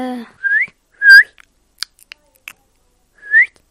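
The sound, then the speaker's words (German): A parrot in the video game Minecraft chirps in three short rising whistles, bright and high-pitched, separated by a few brief clicky crunching noises, with no talking. “Was ist es für ein Vogel? Papagei.”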